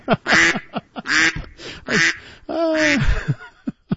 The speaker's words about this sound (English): That's … and a family of ducks behind him joining us this morning.